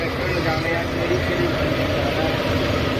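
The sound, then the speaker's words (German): Tractors rumble along an island beach around 7 a.m., preparing the sand for the day: a steady low engine drone that holds at the same loudness throughout, with a broad noisy hiss layered over the deep chugging. “Jetzt um diese Uhrzeit fahren nämlich schon die Traktoren den Strand entlang.”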